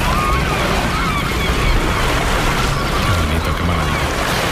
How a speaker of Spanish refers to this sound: Aquí dentro, detrás del espigón, el agua está tranquila, las gaviotas gritan tranquilas y al fondo se está levantando un temporal.